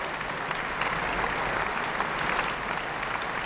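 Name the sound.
warm audience applause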